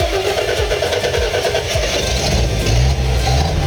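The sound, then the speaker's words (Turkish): A car engine idles with a steady, rumbling low throb and a faint mechanical clatter, running continuously without revving and with no voices over it. “Şöyle sesine de bir bakalım.”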